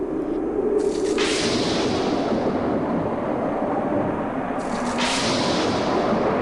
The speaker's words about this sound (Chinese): 然而当诺亚的方舟就要造好时，大地突然风云变色，雷声大作。